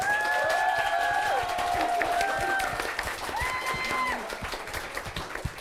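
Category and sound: crowd, audience applause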